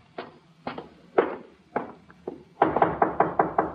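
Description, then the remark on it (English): A man knocks on a door, first in slow, evenly spaced raps, then in a quicker, more insistent burst of about seven knocks. The sound is solid, with no voices. “Let him knock again.”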